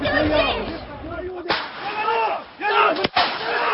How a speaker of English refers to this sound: We've just heard 2 shots fired from down below in this village.